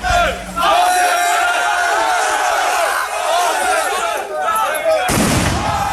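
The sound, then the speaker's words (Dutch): Fireworks bang sharply a couple of times over a loud, restless crowd, with people shouting and jeering continuously, during evening unrest outside the town hall in Rhenen while asylum seeker reception was discussed; fireworks smashed windows. “Bij het gemeentehuis in Rhenen, waar werd gesproken over de opvang van asielzoekers, was het gisteravond onrustig. Er zijn ruiten vernield door vuurwerk.”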